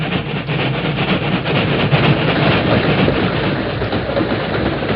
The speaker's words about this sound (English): We'll wait here in this ravine till the train goes by, Tonto. Iron horse pull plenty car. Yes, the freight train.